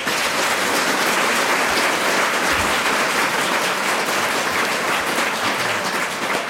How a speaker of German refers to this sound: Zunächst Applaus für den Zerrissenen, Dr. Wranitzky.